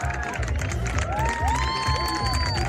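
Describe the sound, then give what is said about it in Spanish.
A large crowd cheers and applauds continuously, celebrating the solar eclipse of 12 August 2026, with dense clapping, excited shouts and whoops rising over a steady loud roar of many voices. “Y finalmente, ovación, más aplausos para celebrar esta carambola cósmica, esta casualidad astronómica de un 12 de agosto de 2026, eterno, que nunca olvidaremos.”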